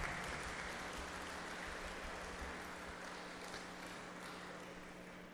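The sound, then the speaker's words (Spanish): An audience applauds steadily for a person being thanked, a dense wash of many hands clapping that holds for several seconds and tapers only slightly toward the end, with no voices over it. “Sí, fuerte aplauso”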